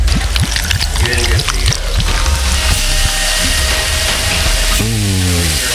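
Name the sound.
soda being poured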